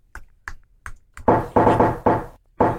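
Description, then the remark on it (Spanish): Four light, evenly spaced knocks imitating knocking on a door, followed by a run of louder, heavier pounding knocks in quick rhythm, sharp with no talking. “Estoy haciendo el sonido de la puerta.”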